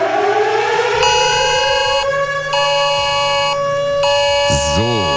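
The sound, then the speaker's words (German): A civil defense warning siren in Cologne, Germany, sounding shortly after 11 a.m. on the nationwide warning day in September: it wails steadily and loudly, its sustained tone slowly rising, overlaid by a pulsing higher electronic alarm tone that switches on and off about once a second. “Und auch die Sirenen in Köln werden heulen.”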